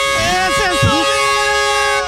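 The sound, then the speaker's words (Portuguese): A gas delivery truck's jingle plays loudly: a bright, sustained electronic melody with steady buzzy tones and a few gliding notes, and brief low vocal sounds early on. “E aí eu queria fazer um convite pra comemorar todo esse programa de hoje, já que sextou, cadê a do gás? Cadê a do gás aqui, ó?”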